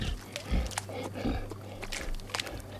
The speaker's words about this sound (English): Big cat eating a catfish. Does this count as a hunt?